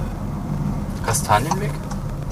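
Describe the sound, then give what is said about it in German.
Steady low road and engine rumble from inside a moving car, droning evenly throughout, with a brief bit of voice rising over it midway. “Da fahren wir mit dem Auto.”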